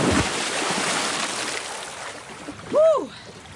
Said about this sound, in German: Und dann kommt das, was einfach dazugehört. Die Abkühlung im See.